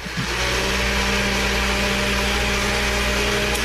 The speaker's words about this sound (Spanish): Entonces yo decía, bueno, sí está en la casa porque está prendiendo la licuadora.